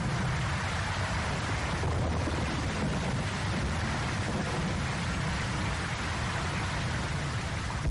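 Steady rain falls continuously, a dense, even hiss with a low rumbling undertone that holds at the same fairly loud level throughout, with no voices.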